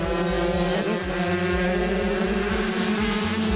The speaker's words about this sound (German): So klingt es, wenn 15 Kinder gleichzeitig ihre Rennmaschinen auf Höchstgeschwindigkeit peitschen. Für große Sprünge auf den Schanzen sind ihre 50 Kubik-Rennräder noch zu schwach.